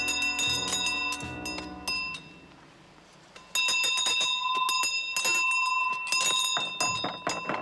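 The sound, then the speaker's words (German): Bells ring loudly and without pause, struck again and again so their bright, shimmering tones overlap into a constant clangor that swells even louder partway through. No one speaks. “Zum Teil so stark, dass ich ein ständiges Klingeln höre. Klingelt und klingelt und klingelt und klingelt.”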